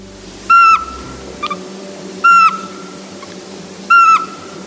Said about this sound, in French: De nuit, entendre dans les forêts des chouettes montagnardes, comme la minuscule chevêchette d'Europe.